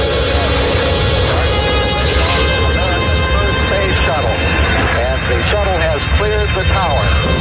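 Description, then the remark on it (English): A loud, steady rocket roar from the launch of the space shuttle Columbia, the world's first reusable spacecraft, fills the whole clip with dense rumbling noise, while a voice speaks faintly over it in the second half. “After 6 years on the ground, Americans were back exploring space in Columbia, the world's first reusable spacecraft.”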